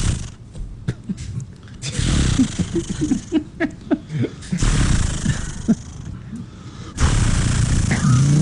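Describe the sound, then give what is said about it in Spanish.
A voice imitates a chainsaw starting: a few sputtering pulls, then loud, raspy buzzing revs that cut out and roar back up, fairly loud. “¿Cómo es que hace la sierra, …? Una sierra. Dice, primero sí, hay que prender... No, eso es una motosierra.”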